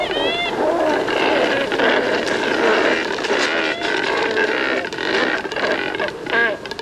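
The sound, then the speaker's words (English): A dense chorus of cormorants croaking, with many harsh, guttural calls overlapping continuously into a loud, raspy din that barely pauses throughout. “They catch their prey efficiently, letting them spend most of their day loafing around, drying their feathers in the sun, and croaking at their neighbors.”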